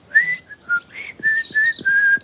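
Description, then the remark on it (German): A person whistles a short, wavering tune of several sustained notes with brief gaps between them, clear, with faint low thumps underneath and no talking. “Ich kann pfeifen.”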